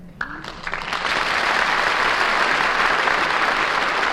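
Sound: studio audience applause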